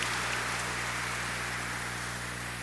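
Steady, dense applause with many hands clapping at once for a singer who has just sung a cappella in a church, a continuous crackling wash that holds an even loudness for a few seconds over a low electrical hum.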